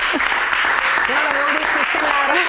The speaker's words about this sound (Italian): Qua ci vuole l'applauso.